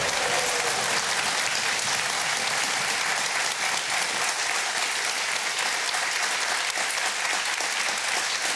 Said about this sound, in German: Ich lasse den mal zu Ende klatschen, weil es so gut tut.